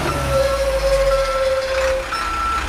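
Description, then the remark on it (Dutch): A heavy truck rumbles while reversing, its deep engine drone joined by a steady, piercing warning tone that holds for a couple of seconds before fading out. No one speaks. “En zoals je hoort, eventjes de vrachtwagen achteruit zetten.”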